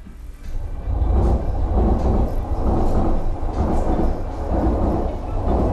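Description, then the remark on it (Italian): A train rumbles past in a city in Japan's Aichi region that has the country's largest railway station, a steady, heavy roar, deep low-end drone with a rhythmic clatter pulsing through it, staying loud for the whole stretch with no voices. “Il suono del treno che passa è una costante nel luogo che sarà al centro della puntata di Battiti di questa notte”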